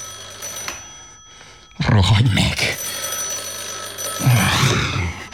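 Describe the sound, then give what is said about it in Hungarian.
A telephone bell rings steadily throughout, a continuous electric trill that runs underneath two loud bursts of shouting voices. “Rohadj meg, akárki! Telefonálsz.”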